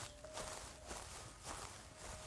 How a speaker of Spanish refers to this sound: La mujer escuchó con atención. En la grabación se oían pasos lentos.